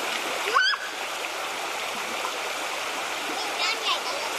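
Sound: river water flowing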